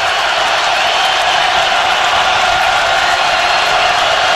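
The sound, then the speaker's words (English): A large stadium crowd cheers loudly in one continuous, dense roar that holds steady for several seconds, with no single voice standing out. “Listen to this crowd.”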